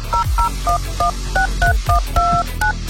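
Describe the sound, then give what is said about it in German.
A quick run of telephone keypad tones, about ten short dual-pitched beeps pressed in an uneven rhythm, clear, with soft thumps beneath and no one speaking. “Wer diese Truhe findet, der findet auch eine Telefonnummer.”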